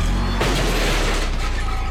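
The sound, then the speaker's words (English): A car rumbles in reverse and bumps into a garbage can, with a loud scraping, crunching clatter that carries on over the engine's low drone. Continuous, with no voices. “That's the sound of a car backing into a garbage can.”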